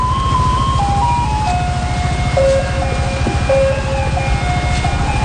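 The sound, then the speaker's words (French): A garbage truck in Taiwan plays Beethoven's Für Elise as a tinny electronic melody, a simple stepping tune of single notes, announcing its evening arrival, over a steady low engine rumble and street noise, loud, with no one speaking. “Lettre à Élise de Beethoven qui annonce chaque soir l'arrivée des camions à ordures.”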